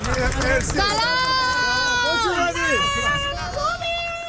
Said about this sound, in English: The team was welcomed by a handful of cheering supporters outside the airport early this morning.